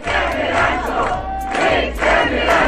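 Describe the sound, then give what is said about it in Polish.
A crowd of fans of the Polish TV series Ranczo, gathered in Poland, sings together loudly, many voices blending into a steady, chant-like melody with rhythmic swells and faint tonal lines running through the mass of sound. “Oni tutaj śpiewają, robią zdjęcia.”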